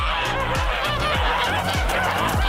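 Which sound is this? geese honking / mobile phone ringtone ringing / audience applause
geese honking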